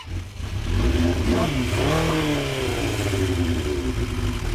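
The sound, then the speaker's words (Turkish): A motorcycle engine revs hard through a loud, throaty Yoshimura aftermarket exhaust, its pitch climbing and dipping in a sweeping rev before settling into a steady, rumbling idle. “Sesi çok güzel çünkü üstünde Yoshimura egzoz var.”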